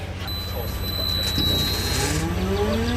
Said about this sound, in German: So klingt er, der Motorsound eines batteriebetriebenen 40-Tonners. Und im Vergleich ein Dieselbrummen. Beide Schwerlaster stehen auf dem Betriebshof von Koch International, einem Logistikunternehmen aus Osnabrück.